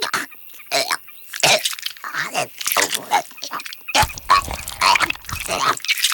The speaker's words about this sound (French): Oh, c'est dégoûtant, la chouette vomit. Comme tous les rapaces, la chouette effraie gobe ses aliments. Ils sont naturellement broyés dans son gésier, un sac situé avant l'estomac. Très efficace.